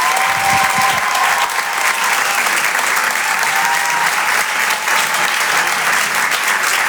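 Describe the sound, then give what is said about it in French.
A large crowd claps loudly and steadily for several seconds, a dense wash of hand claps with a few faint cheers, without pause, as an audience applauds comedian Alexis Le Rossignol being introduced on stage. “Je vous demande de l'applaudir très très fort, s'il vous plaît.”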